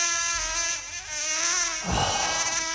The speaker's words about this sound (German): So, eine nervige Mücke, klar.